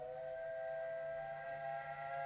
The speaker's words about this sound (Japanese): そこから汽車の音が聞こえてきました。その小さな列車の窓は一列小さく赤く見え